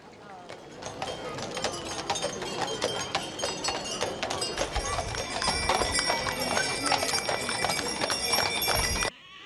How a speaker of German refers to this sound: Der Festumzug des 33. Erzgebirgischen Pferdetages setzt sich in Bewegung. Mit insgesamt 33 Bildern ziehen Reiter, Kutschen und Gespanne durch Zwönitz und weiter in Richtung Reitplatz nach Kühnheide.